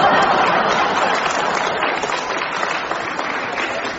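A crowd breaks into steady applause after an old Jimmy Wheeler joke, a dense wash of clapping that stays loud throughout and fades slightly toward the end, with a few faint chuckles mixed in.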